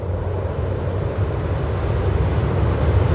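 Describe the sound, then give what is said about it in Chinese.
A steady, full-bodied wind roars continuously across open wilderness, a deep low rumble with a faint airy hiss on top and no voices or other sounds. “风声在旷野中回荡。”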